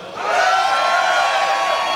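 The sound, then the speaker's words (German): A festival crowd at the first Heubeach Festival at Heuboden Umkirch shouts and cheers together into the radio microphones in a loud, sustained roar that swells quickly and holds steady for a couple of seconds, full of overlapping high-pitched whoops and yells. “Und ihr dürft jetzt mal ganz laut ins Radio schreien.”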